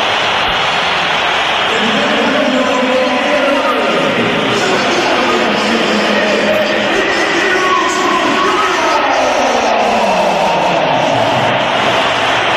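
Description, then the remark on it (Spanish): A huge crowd at the Santiago Bernabéu stadium fills the air with a dense, continuous roar of whistling and jeering aimed at Vinicius after he loses the ball, loud and sustained throughout, with wavering tones rising and falling across the mass of noise. “Es el sonido más comentado del día, es el sonido del Bernabéu, y este es el sonido que va a vivir el Atlético de Madrid en unas horas.”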